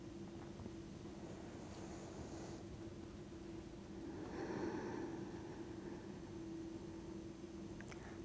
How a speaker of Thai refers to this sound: ต่อไปเป็นการกางแขนนะคะกางแขนขึ้นหายใจเข้าทางจมูกลึกๆแขนลงหายใจออกยาวๆ